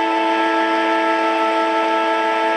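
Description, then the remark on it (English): A loud, sustained stadium siren blares steadily for the whole stretch, a rich stack of harmonic tones holding one pitch without a break, signalling the end of the match between Hawthorn and the GWS Giants. “So Moore, siren will sound.”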